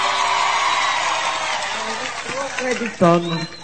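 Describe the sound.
A crowd claps steadily in a dense, crackling wash that slowly fades, while scattered voices and whoops rise over it toward the end.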